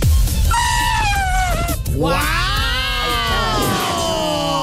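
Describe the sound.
A child's voice, on a call from Iquique, imitates an elephant's trumpet in two long, loud, strained cries. The first holds steady before breaking off, and the second swoops up and then wavers downward.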